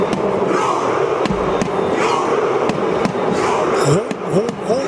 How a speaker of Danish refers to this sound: Bliver der råbt, når publikum sammen med landsholdet på stadion i USA laver robevægelser og leger vikinger.